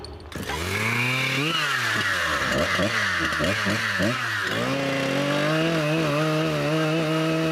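A loud chainsaw runs, its engine revving up and down repeatedly as it cuts a saddle notch into a round log, then settling into a steady high whine.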